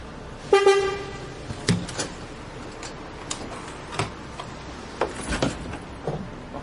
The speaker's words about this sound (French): Le bus est là. Tiens, on charge le vélo.